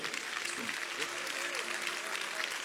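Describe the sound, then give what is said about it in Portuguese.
A church audience applauds for Christ in a steady, dense wash of clapping, with faint voices and a thin sustained tone running underneath. “Vamos receber o aplauso para Cristo.”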